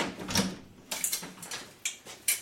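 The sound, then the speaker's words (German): Several knocks on a door, about five separate raps at uneven intervals, fairly quiet and crisp, with no voices. “Klopf erst an, wenn du bis 5 gezählt hast.”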